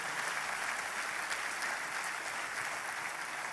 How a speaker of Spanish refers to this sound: Fuerte ese aplauso.